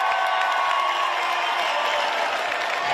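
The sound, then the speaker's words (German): A large concert audience roars, cheers and sings together continuously, a dense wash of many voices with some sustained sung tones running through it, loud and steady throughout. “Ich kriege jedes Mal Gänsehaut, wenn ich höre, dass ganz viele Menschen zusammen singen oder auch auf Konzerten irgendwie eine gleiche Bewegung machen oder irgendwie sowas.”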